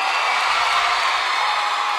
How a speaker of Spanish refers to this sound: Muchísimas gracias. Muchas gracias. Un aplauso, por favor.